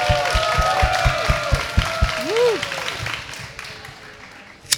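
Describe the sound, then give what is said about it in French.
An audience applauds steadily with dense clapping, voices calling out and a rising cheer or whistle partway through before the clapping thins toward the end. “Merci à vous, vous applaudir, public.”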